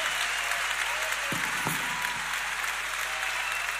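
A concert audience at the Teatro Ópera applauds loudly in a live recording, a dense, steady wash of clapping that holds for the whole few seconds, with a couple of brief low thumps mixed in midway.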